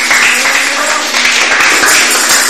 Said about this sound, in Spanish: Denle fuerte aplauso al Señor.